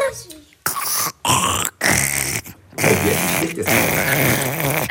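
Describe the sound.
A child's voice makes a raspy, buzzing imitation of a jacket zipper being pulled open and closed, in several loud bursts broken by short pauses, ending in one long drawn-out rasp.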